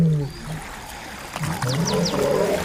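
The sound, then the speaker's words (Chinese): Deep, rumbling growls from a group of male lions crossing a river, three of them in the water, come in low bursts, with a few brief high chirps overhead and a watery wash beneath, and no one speaking. “一群公狮正在渡河。”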